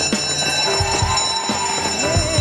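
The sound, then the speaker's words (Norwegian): A loud school bell rings continuously, ringing in the Sunday school segment, a steady metallic clangor with sustained ringing tones that fill the whole moment, insistent, with no voices. “Og der ringer klokkene inn til søndagsskolen, våres nye serie der vi skal en liten tur tilbake igjen på skolebenken på søndagsmorgen og lære oss noe nytt.”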